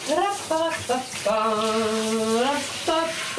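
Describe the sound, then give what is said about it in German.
Shower water runs in a steady hiss throughout while a person in the shower, holding the showerhead as a microphone, sings short phrases and one long held note over the spray. “In die Dusche gehen, den Duschkopf als Mikrofon in die Hand nehmen und lossingen.”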